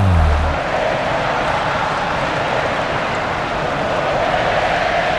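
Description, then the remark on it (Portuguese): A stadium crowd at the Maracanã cheers during a Brazil versus Panama football match, in a steady, dense roar that holds at an even loudness throughout, a broad wash of massed voices with no single voice standing out. “Ouça o Maracanã!”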